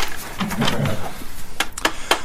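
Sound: playing cards being shuffled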